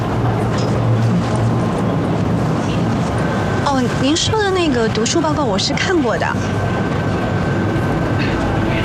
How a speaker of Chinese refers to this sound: 哎，哦，我在地铁里，您说。